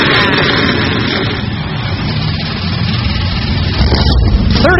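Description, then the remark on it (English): A loud, dense roar of many powerful NASCAR Cup Series stock car engines starting up together at Chicagoland, a continuous rumbling wall of sound that swells slightly near the end. “NASCAR Cup Series machines come to life for the first time in 7 years.”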